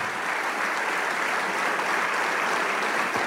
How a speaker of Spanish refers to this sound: Y le damos un aplauso al Rey de Reyes.